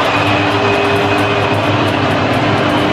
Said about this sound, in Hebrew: עם תחילת לפני תחילת המשחק, שריקות בוז צורמות נשמעו מיציעי האוהדים בלוס אנג'לס בעת שנוגן ההמנון של הרפובליקה האסלאמית.